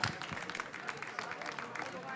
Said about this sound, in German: Und ja, gern Applaus, gern Applaus.